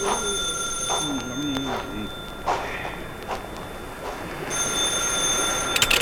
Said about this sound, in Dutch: Jérôme, neem de telefoon eens aan.